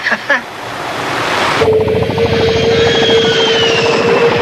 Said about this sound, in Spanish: Se está acercando. Ahí viene. Lobo a helicóptero no identificado.